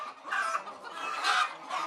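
Several chickens cluck continuously in overlapping, chattering bursts, a busy flock sound in a farm's laying house where the hens lay eggs, with no voices present.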